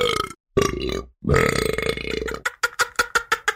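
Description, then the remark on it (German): A loud, drawn-out burp is followed after a short pause by a second long, rumbling one, then a quick string of six or seven short, choppy burps, with no talking. “Bei uns gibt es auch die Regel, dass man nicht am Tisch rülpsen soll.”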